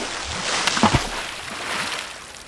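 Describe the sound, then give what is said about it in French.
Steady rushing water of a waterfall roars continuously, with a brief burst of splashing and sloshing near the start, then a constant heavy flow pouring down. “Ils n'ont pas d'autre choix que de se laisser emporter par les eaux et de tomber dans la cascade.”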